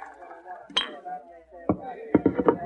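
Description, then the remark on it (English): A glass of rye whiskey being poured at a dresser as a crowd celebrates in the saloon below: a bottle clinks sharply against a glass once, then several quick taps follow near the end, with voices murmuring in the background. “Suddenly he got up, walked to the dresser, and poured another glass of rye.”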